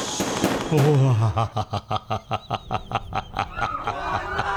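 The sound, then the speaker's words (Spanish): A rapid string of about a dozen dry, sharp gunshots fires in quick, steady rhythm with a short echo after each, preceded by a brief burst of mixed background noise, during violent attacks in the streets of Cali. “Mientras miles de familias aprovechaban el puente festivo para descansar, visitar amigos o compartir una comida, en distintos rincones de la ciudad el sonido que rompía el silencio no era el de la música. Era el eco seco de los disparos.”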